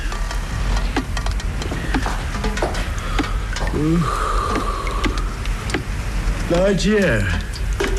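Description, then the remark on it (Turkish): Steady rain hisses throughout at night, with scattered sharp drips and taps. Brief murmured voice sounds rise over it twice. “ondan sonra da Zihni yağmur yağıyor de”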